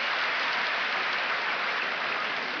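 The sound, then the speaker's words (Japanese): Sustained applause from a large crowd at the Ryōgoku Kokugikan sumo arena in Tokyo, a dense, steady wash of clapping that stays loud and even throughout with no pauses or voices standing out. “大きな拍手に包まれる東京両国の国技館です。”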